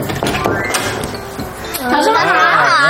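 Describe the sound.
Several sharp knocks on a door, about five raps at an uneven pace, followed by a voice starting to speak loudly over the last moments.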